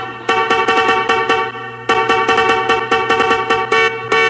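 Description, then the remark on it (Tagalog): A truck horn honks loudly in quick, rhythmic blasts, two bursts of repeated honking separated by a short pause, with no voices; the truck is not a garbage truck but one carrying prizes. “Paalala, hindi po truck ng basura yan. Ang dala niyan pa-premyo.”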